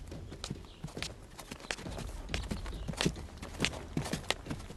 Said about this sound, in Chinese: 与此同时，吕布正在取马回来的路上，脚步声越来越近。